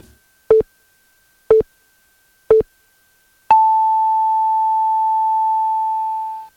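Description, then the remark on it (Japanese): A noon radio time signal presented by Yaeyama Kanko Ferry: three short, evenly spaced beeps one second apart, followed by a single long, higher-pitched tone that holds for about three seconds before cutting off, with no talking. “正午をお知らせします。”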